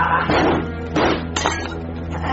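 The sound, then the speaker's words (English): Glass shatters in a laboratory in a few sharp, bright crashes about half a second apart, each followed by clinking debris, loud with no voices. “It is time to glass break.”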